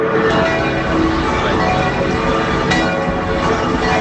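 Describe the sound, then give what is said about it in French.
A dense, continuous peal of the 14 large bells of Metz Cathedral ringing together to announce the start of mass, in honour of Pope Leo XIV's arrival. Their overlapping tones form a loud, reverberant wash that fills the whole recording without pause. “Les cloches de la cathédrale de Metz qui sonnent en l'honneur de Léon XIV qui, ça y est, va faire son entrée dans quelques instants dans la cathédrale pour y célébrer la messe qui est prévue.”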